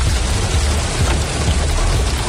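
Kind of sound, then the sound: nature, hailstorm falling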